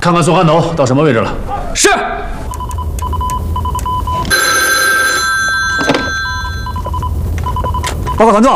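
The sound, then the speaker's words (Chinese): A telephone bell rings steadily and fairly loud for several seconds, its bright metallic tones sustained, after a man speaks briefly at the start; another voice cuts in at the very end. It is a call from army headquarters for the regiment commander. “报告团座，长官部来电，让您亲自来接。”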